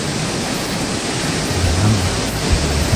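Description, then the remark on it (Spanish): A steady, dense hiss of heavy rain from an intense downpour that has just begun pours without pause, a broad roar with faint low rumbling underneath and no voices. “Así está la situación hasta ahora, ¿eh? Lloviendo a la antigua.”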